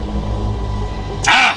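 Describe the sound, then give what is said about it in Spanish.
A single harsh, raspy owl screech bursts out near the end, loud, as the owl throws itself onto a pickup truck, over the truck's steady low engine rumble. “Era el búho, que se había tirado encima de la camioneta como si quisiera romper el vidrio y atacar a Vicente”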